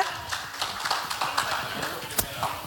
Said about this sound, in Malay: Kita berikan tepuk tangan untuk 3 delegasi kita.